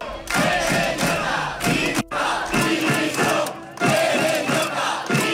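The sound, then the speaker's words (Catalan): About a hundred protesters at the Palau de la Música shout in unison, greeting President Pérez Llorca with calls for his resignation: loud rhythmic bursts of chanting with brief pauses between phrases, a dense roar of many voices. “El president Pérez Llorca el rebien vora un centenar de persones entre crits de dimissió.”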